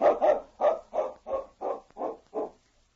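A tracking dog named King barks eight times in a steady, evenly spaced run, each bark a short mid-pitched woof of similar loudness, tapering slightly toward the end before falling silent, as it follows a scent taken from a piece of cloth across rocks.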